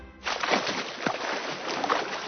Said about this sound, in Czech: Je, slyšíte to? To je voda!